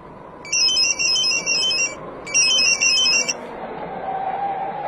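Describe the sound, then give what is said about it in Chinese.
A telephone rings twice with a call from the funeral home to a detective: two bursts of loud, high-pitched warbling electronic trill separated by a short pause, over a steady low background rumble, with no one speaking. “但是快到高威家的时候，一个电话打乱了苗镇原有的计划。”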